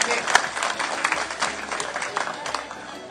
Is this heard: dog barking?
no